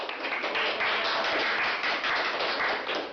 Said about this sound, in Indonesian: Ketujuh peserta dipanggil ke dalam sebuah ruangan, berdiri berbaris menyamping menghadap 3 penguji, dan akhirnya ketujuh peserta dinyatakan lulus. Tepuk tangan pun menggemuruh.